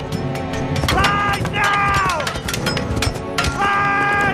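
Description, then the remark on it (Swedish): A dense, continuous rumble of many horses galloping, the Riders of Rohan in the film The Lord of the Rings, with high, wavering whinnies or cries rising over the pounding at several points. Riders' shouting voices mix into the loud, steady din. “Alltså det här är Sagan om ringen och det är Rohans ryttare som rider här förstås.”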